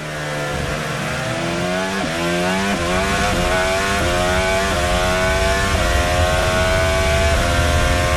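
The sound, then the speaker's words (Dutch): A racing car engine in eighth gear roars steadily, its revs climbing and then dropping back in several stepped falls caused by friction, a loud, continuous mechanical whine with no voices. “De toer die je daar terug hoort lopen is vanwege de wrijving.”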